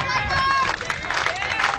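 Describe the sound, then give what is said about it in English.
Crowd applause from the North Shelby side at a baseball game as a full-count pitch is thrown, a steady wash of clapping and cheering mixed with scattered voices and a few higher-pitched shouts, sustained and fairly loud throughout. “Hear the applause coming from the North Shelby side as the pitch is thrown in there.”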